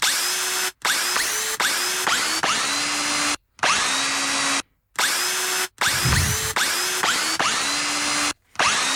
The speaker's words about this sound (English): Kate recorded this earlier in the day with a drill. Have a listen.